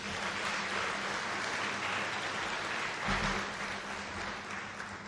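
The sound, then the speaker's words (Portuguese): A crowd applauds steadily in honor of volunteers, a dense, even wash of many hands clapping at once that holds at a strong, constant level for several seconds with no voices over it. “Mais uma vez, uma grande salva de palmas.”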